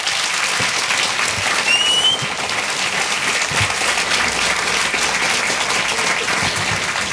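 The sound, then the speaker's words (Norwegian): A crowd gives warm applause welcoming authors Therese Tungen and Lars Mytting, steady for several seconds, a dense wash of many hands clapping at a constant loudness with no speech over it. “Gi Therese Tungen og Lars Mytting en varm applaus.”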